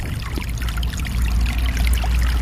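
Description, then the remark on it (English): A small snowmelt-fed brook trickles and gurgles steadily through a grassy subalpine meadow among spruce and fir trees in a national park in September, a continuous bubbling wash of water with a faint low rumble beneath and no voices. “All through these little meadows, in every little swale, it seems like, is a small brook fed by snowmelt and running spring, summer, and into the fall.”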